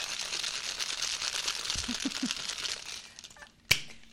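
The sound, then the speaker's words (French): Ice cubes rattle hard inside a cocktail shaker, shaken for a basil and egg-white cocktail after a dry shake, in a steady, rapid churning for about three seconds, then stops, and a single sharp knock follows. “Et derrière, je vais rajouter donc des glaçons. Hop. Et voilà. Et je refais un grand coup de shake, shake, shake avec le sourire.”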